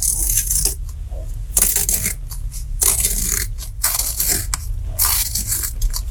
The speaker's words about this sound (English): What are you hearing there? Is it a sharpener? It is a sharpener. Well done.